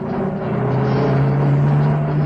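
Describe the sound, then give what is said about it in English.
A small pickup truck bounces along a rough dirt road in a rural scene with grenadilla plants and laborers' cottages, its engine a steady, loud low drone that climbs slightly in pitch, with continuous rattling noise and no voices. “The peace of the rural scene is shattered by the sound of a small pickup bouncing along the rough dirt road.”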